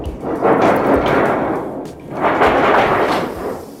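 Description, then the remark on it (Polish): A theatrical thunder sound effect: two loud, rolling swells of rough, noisy rumble, each building and fading over about two seconds, with no voices. “Tutaj grzmoty, a tutaj... A tu wiatr.”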